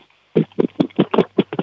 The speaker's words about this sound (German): wir haben so Aufbewahrungsboxen aus Mamas Küche gehört.